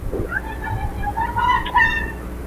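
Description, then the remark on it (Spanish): A woman screams as burglars begin entering the house, a high, wavering wail that bends upward and swells louder toward the end, over a steady low background rumble. “Ahí hay un grito.”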